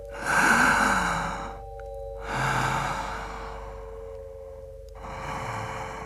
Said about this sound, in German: Hast du dich schon mal gefragt, wieso wir das tun? Luft einsaugen und wieder auspusten. Eigentlich voll krass, Mann.